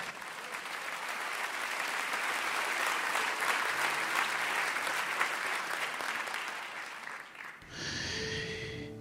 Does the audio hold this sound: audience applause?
yes